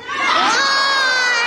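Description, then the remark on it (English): A large rally crowd shouts back in unison in answer to the question "What did Trump do?", many voices merging into one loud, sustained, high-pitched yell that swells quickly and holds for over a second. “Let me ask the crowd.”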